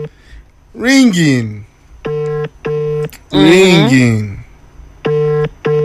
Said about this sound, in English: Ringing.